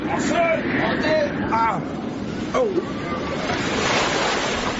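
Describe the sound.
Rough surf churns and crashes in a steady, loud roar, with wind pressing over the water; a few voices call out faintly over the turbulent sea.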